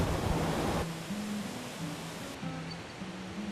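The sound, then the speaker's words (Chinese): Loud, steady rushing of a waterfall at the Erren Creek water intake, where ample water flows naturally back into the Nanzixian Creek, a dense wash of churning water that fills the whole clip, strongest for the first second and then settling into a slightly softer continuous roar. “那如果这个我们叫做二人溪的那个取水郡哈，那呢这里呢你可以看到说，它如果水量够多的时候，就会像现在瀑布声很大，就自然回流到我们的南子仙溪。”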